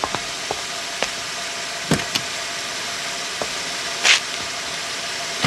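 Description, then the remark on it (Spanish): Someone climbs into a car while an engine idles low in the background, with scattered clicks, a pair of thumps from the door, and a short rustling burst near the end. “Rápido, dé la vuelta y suba al carro.”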